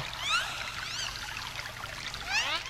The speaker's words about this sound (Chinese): 我又听见了大海的声音